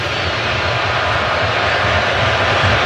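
A large stadium crowd at a U.S. soccer match roars loudly and steadily as double-digit stoppage time of 10 minutes is announced, a dense wash of noise that swells slightly and never lets up, with no single voice standing out.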